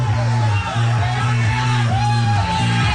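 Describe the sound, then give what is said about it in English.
A crowd of 36 people surrounding a game called Techno Ball shouts and whoops together, a loud, continuous wall of raised voices with sustained, droning tones running underneath throughout. “there's a crowd of 36 people surrounding the game.”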